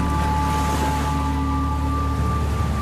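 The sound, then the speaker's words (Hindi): Seawater surges in a steady, loud, continuous rush, like churning surf, as the rising sea floods into a temple sanctum toward a flower-decorated Shiva lingam, with a faint low hum running underneath and no voices. “जब सागर का पानी प्रवेश करता है यहाँ पर तो सीधे गर्भगृह में पहले आता है, पहले शिवलिंग का जलाभिषेक करता है जैसे, और उसके बाद धीरे धीरे धीरे धीरे ये बाकी हिस्सों में समुद्र का पानी जाकर भरता है।”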